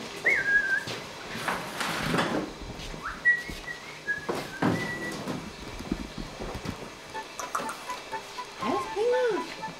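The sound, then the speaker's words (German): A magpie calls inside a kitchen, mixing short whistled notes with a few harsh, scratchy bursts, amid faint room clatter and soft voices in the background. “Ich meine, Banane ist ja nicht so das Elsterfutter, aber ich möchte ja auch kein Stück Fleisch geben.”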